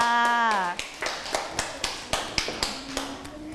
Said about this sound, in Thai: หน้าตาดีโอ้โหเยี่ยมมากค่ะปรบมือให้กับเพื่อนของเราค่ะ